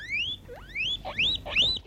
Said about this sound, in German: Und als ich noch ein bisschen kleiner war, da hatten wir auch ein Haustier und da hatte ich so ein ganz kleines Meerschweinchen. Das hat immer solche Geräusche gemacht.